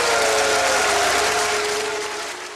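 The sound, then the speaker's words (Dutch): A large crowd applauds loudly and steadily, with a sustained drawn-out vocal tone of booing running through the clapping, fading slightly toward the end. It follows the announcement of 966 votes cast for Jan Terlouw's candidacy; he becomes lijsttrekker. “Applaus en boegeroep.”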